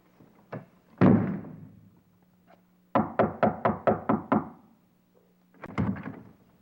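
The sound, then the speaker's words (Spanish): Loud knocking on a door by a young girl: a single thud, then a rapid burst of about eight sharp raps, and a final cluster of knocks, with no talking and a faint steady hum underneath. “Mira, chavita, si me sigues tocando la puerta, yo te voy a sacudir la cabeza.”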